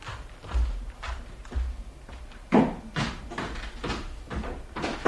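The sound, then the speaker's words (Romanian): An entrance door opening amid a series of wooden knocks and thuds, roughly a dozen irregular bumps over several seconds, moderately loud, with no talking. “Ușa e deschisă.”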